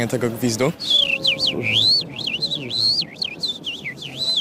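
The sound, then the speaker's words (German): A person who imitates bird calls whistles a lark-like song: a high, modulated, warbling whistle rising and falling in quick swoops and trills for several seconds, clear, after a brief bit of speech at the start. “Das klang so ähnlich wie eine Lerche”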